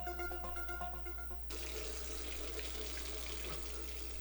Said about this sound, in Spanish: Si no cerras la llave mientras lavas los platos o te cepillas los dientes, estás desperdiciando el agua que se tomarían 44 personas en un solo día.